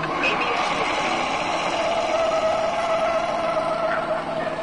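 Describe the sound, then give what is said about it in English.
A car brakes hard on a test track with its anti-lock brakes (ABS) working, giving a steady, loud roar of tires and road noise with a faint whine running through it, with no talking. “Okay, let's try it again, this time with the anti-lock brakes.”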